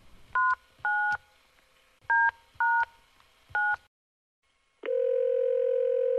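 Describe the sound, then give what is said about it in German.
Five quick dual-pitch keypad beeps as a number is dialed on a mobile phone's number pad, in an uneven rhythm, followed by a short silence and then a steady, continuous phone tone. The tones are clear, with no talking. “Als sie die Nummer gefunden hatte, überlegte sie kurz und wählte dann diese auf der Zahlentastatur ihres Handys.”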